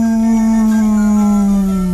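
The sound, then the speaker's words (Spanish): A single long, loud dog howl at the moon at night, holding one steady tone that sinks slightly in pitch across about two seconds, with no other sounds around it. “Se la pasó aullando a la luna.”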